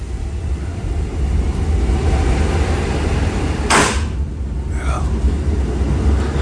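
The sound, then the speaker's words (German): An old train in Warsaw rumbles along with a steady low roar, broken by a sharp hissing burst and a few squealing, creaking metallic notes. “Schnauft, krächzt und krachtet noch so richtig.”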